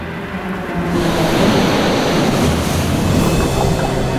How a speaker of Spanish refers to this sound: Pero la interacción entre la tierra y el mar puede plantear desafíos. Fuertes tormentas, olas dramáticas, la interminable marcha de las mareas.